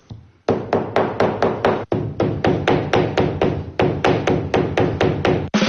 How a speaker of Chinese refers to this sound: 你能想象吗？他们用锤子砸花草树叶，是为了给包包寻找新的配色。